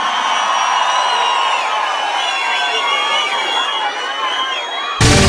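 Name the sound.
crowd cheering and whooping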